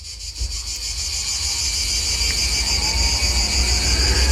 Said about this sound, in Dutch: Dit is het geluid van Franse krekels. Oh, Franse krekels. En je hoort duidelijk dat het andere krekels zijn dan de Griekse krekels die jij net liet horen.